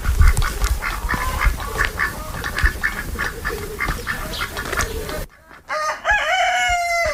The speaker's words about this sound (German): Er meldet sich auf jeden Fall jetzt schon mal. Also Hühner, Enten, da hinten schnattert es und kreuz und fleuz, ne? Genau, also hier auf einem Hektar haben wir roundabout 26 Tauben, 4 Hunde, 3 Katzen, 2 Pferde, 35 Hühner, 10 Enten und 3 Gänse.